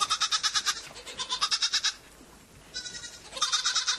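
A neighbour's goat grazing on a small patch of land in front of a house bleats in loud, wavering, quavering calls, two long bursts separated by a short pause, then resuming near the end, with no speech.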